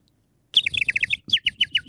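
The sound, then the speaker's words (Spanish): A worker from the El Ti greengrocery imitates a chirping bird with quick, bright, high-pitched chirps in two rapid bursts separated by a short pause, fairly loud, with no talking. “Si podés hacerme el pajarito,”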